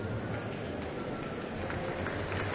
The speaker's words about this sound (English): Well, that applause you can hear now. Soloist Alina Ibragimova is coming onto the stage with tonight's conductor, Elena Schwartz, to perform Felix Mendelssohn's Violin Concerto in E minor with the BBC National Orchestra of Wales.